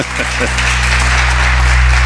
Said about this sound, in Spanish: pero yo creo que se ha ganado un aplauso. Yo creo que sí.